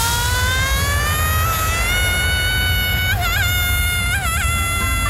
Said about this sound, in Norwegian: Tusenfryd presenterer Dagens Skrik.